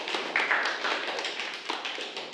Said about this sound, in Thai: ในวันนี้นะครับขอเสียงปรบมือให้กับเพื่อนหน่อย